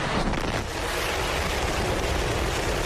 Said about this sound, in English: SpaceX carrying out a test flight of its Starship spacecraft, the most powerful launch vehicle ever built from its facility in Starbase, Texas. 5, 4, 3, 2, 1.